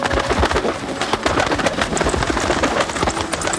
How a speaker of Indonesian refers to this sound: Bunyi apa ya? Wah, indah sekali burung itu. Aku harus mendapatkannya.